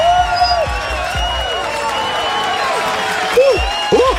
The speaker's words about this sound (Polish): Razem z tymi brawami, które ci grają